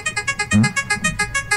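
The 'Wheel of Games' game show prize wheel, activated by a caller from their phone, spins with a rapid, steady run of bright clicking ticks, about six per second, with one brief louder tonal burst partway through and no talking.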